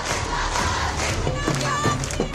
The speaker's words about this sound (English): Students back on the streets, posters held high, slogans ringing through the capital, loud, clear and unapologetic.